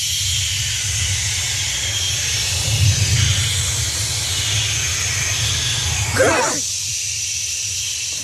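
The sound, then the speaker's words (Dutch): A choir from Zeeland imitates the sea for Editie NL with a steady, breathy hiss over a low rumbling hum, swelling like waves around the middle and again near the end before the rumble drops away. “En we sluiten af met de zee, want bij Editie NL wilden ze weten of je de zee kunt nadoen. En een Zeeuws koor deed een poging.”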